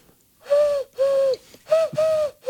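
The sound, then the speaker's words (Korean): A person imitates an oriental turtle dove's cooing: four breathy, hollow hoots in a steady rhythm, fairly loud, with short pauses between them. “맷비둘기 한번 들어보겠습니다.”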